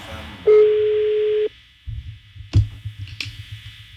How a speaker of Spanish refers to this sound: Mira, ahí está sonando el teléfono. Ahí está. No contestó.